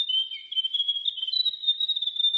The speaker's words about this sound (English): The Grey Warbler.